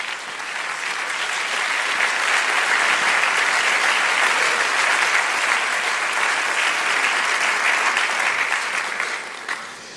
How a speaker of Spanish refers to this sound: Puede sentarse y dele un aplauso al Señor bien fuerte.